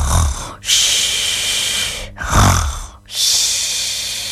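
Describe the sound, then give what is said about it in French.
Loud snoring from a sleeping concierge, with no one talking: a rough, rumbling snort on the inhale between long, airy hissing exhales, repeating in a slow rhythm. “Amélie entend des ronflements.”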